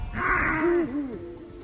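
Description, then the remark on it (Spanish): An Iberian lynx calls with a series of low, wavering, moaning cries that rise and fall in pitch, starting with a breathy hiss; clear, with no talking. “la llamada del lince ibérico o el crotoreo de la cigüeña blanca son algunos de los sonidos que podrán escuchar quienes participen en”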